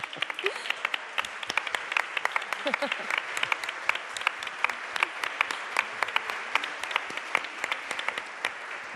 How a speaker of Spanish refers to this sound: Véngase, un aplauso.